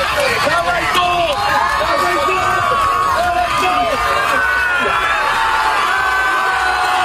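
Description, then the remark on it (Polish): A large crowd on the beach in Dziwnów cheers and shouts continuously outdoors, greeting a swimmer at the finish of his swim across the Baltic Sea; many overlapping voices whoop and call out at a steady, loud level throughout. “Meta znajdowała się na plaży w Dziwnowie. Tam przywitały go tłumy. Dawaj, Barty!”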